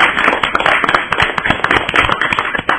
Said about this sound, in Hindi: बहुत ही प्यारी कविता सुनाई आपने, बच्चों इनके लिए भी जोरदार तालियां हो जाए।